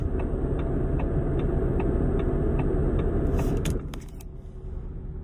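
A car turn signal, switched left and right with its lever after the car is started, gives off a rapid, cicada-like ticking chirp in a steady rhythm over a loud idling engine hum, ending with a brief rattle as the engine noise drops lower.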